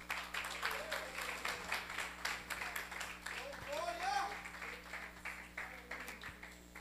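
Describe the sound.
A church audience applauds the Lord steadily for about seven seconds, a dense, even wash of clapping with voices calling out and talking beneath it.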